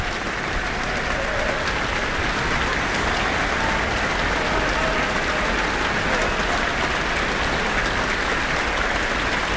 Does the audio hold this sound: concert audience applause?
yes